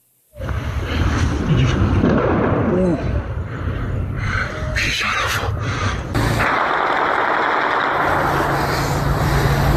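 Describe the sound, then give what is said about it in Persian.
A few sharp gunshot-like cracks from military weapons fired at people during a January crackdown in Isfahan province burst out from a loud, chaotic outdoor din, with shouting voices and continuous rumbling noise throughout, the shots irregular and partly buried in the commotion. “مردم رو دارم با تیر جنگی میزنم.”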